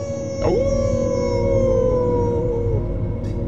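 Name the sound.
wolf howling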